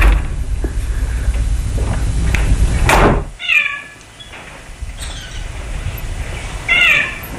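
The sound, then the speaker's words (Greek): A heavy monastery door swings shut at nightfall with a loud thud, followed by several high, squealing creaks from hinges or a lock as the door is locked, over a low background rumble. “Τη νύχτα που έρχεται, οι πόρτες κλείνουν και ασφαλίζουν.”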